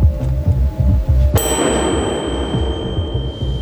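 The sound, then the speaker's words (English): A single bell is struck sharply and rings on with a bright, sustained metallic tone that slowly fades, over a steady low throbbing pulse in the background. “Bite after each bell sound.”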